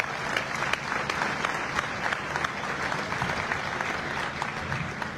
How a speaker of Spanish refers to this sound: De igual manera, un saludo muy especial y un fuerte aplauso y un abrazo y un gran reconocimiento a las mamás, a los papás y a los abuelos que impulsan la educación de sus hijos y sus nietos. Un fuerte aplauso también para ellos.